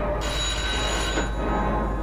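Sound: telephone bell ringing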